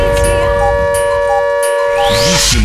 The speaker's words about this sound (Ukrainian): Увага! Увага! Повітряна тривога триває. Залишайтеся в укриттях.